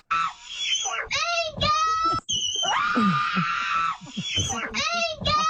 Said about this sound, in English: I think it's just women have a certain pitch they reach when they scream.